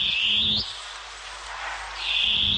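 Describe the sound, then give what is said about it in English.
A long-tailed cuckoo (koekoeā) gives a loud, piercing, rising screech, a brief pause, then a second shrill whistling call begins. There is no talking. “Koe koea, the long-tailed cuckoo.”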